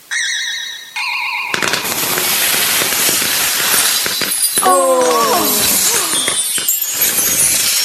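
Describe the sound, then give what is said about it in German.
A sparkly magical chime rings out as a spell makes a pudding explode above the top of a Christmas tree like a New Year's rocket: a loud bursting crackle erupts, full of glassy tinkles, descending whistling squeals and scattered pops that keep clattering to the end as straw stars, glitter balls, bells and candles whirl through the air. “Du meine Güte, über der Spitze des Weihnachtsbaums explodiert der Pudding wie eine Silvesterrakete.”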